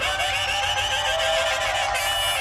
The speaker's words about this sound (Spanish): Fuerte los aplausos, baby, para esta bandota que subió al escenario.